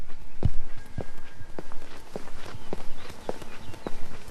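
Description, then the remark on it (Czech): Steady footsteps of a person walking from the railway station in Lipčice toward a former coal mill now used as a modern art gallery, at an even pace, about eight distinct steps in a regular rhythm, clear against a low background hum with no one speaking. “Přesně tam míří mé kroky z nádraží.”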